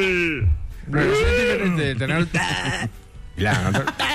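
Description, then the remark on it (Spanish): A goat bleats several times in a row, loud, each wavering, nasal cry lasting about half a second with short pauses between. “Y el chivo también.”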